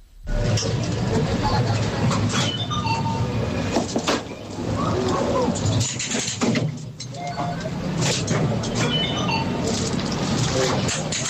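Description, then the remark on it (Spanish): A fairground ride rumbles and clatters continuously, a loud, dense mechanical roar with rattling wheels and brief high squeals, while a crowd's indistinct voices and shouts mingle underneath. “Una atracción en una feria, es algo así, sí, es una atracción en una feria”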